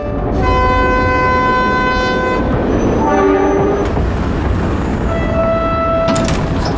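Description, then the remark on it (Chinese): A train pulls in to Haihe railway station with a loud, steady rumble, long horn-like tones and high squealing brakes sounding over the rolling noise, continuous throughout. “列车到达海河火车站。”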